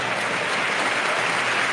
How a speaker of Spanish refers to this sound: Ovación del Molinón.